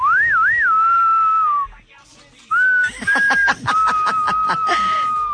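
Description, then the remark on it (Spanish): A person whistles: a quick wavering tune, a brief pause, then long steady whistled notes, with choppy bursts of snickering laughter breaking in over the second half. “Pensé que me ibas a chiflar.”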